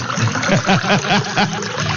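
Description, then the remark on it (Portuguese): Spring water is poured into a glass, a quick run of about half a dozen rhythmic gurgling glugs over a steady splashing trickle, with no one talking. “E eu vou preparar meu copo com água aqui também, ó.”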